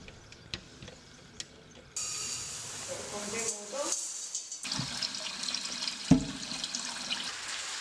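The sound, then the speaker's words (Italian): Cold water pours steadily into a container of fava beans for soaking, a continuous splashing hiss for several seconds after a few soft clicks, with a brief clunk near the end. “Si mettono a bagno nell'acqua fredda e si portano ad ebollizione, per poi farle riposare per una notte.”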